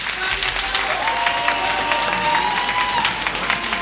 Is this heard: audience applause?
yes